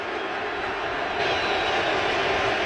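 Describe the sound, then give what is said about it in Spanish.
A large, standing baseball crowd at Yankee Stadium during the postseason gives a sustained ovation, a dense, steady roar of cheering that swells a little louder partway through and holds without pause. “Escuchen al público. La ovación que le van a dar.”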